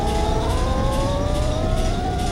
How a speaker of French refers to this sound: Le Titanic avance. Dans la salle des machines, les moteurs fonctionnent à plein régime, ça rugit comme un animal sauvage.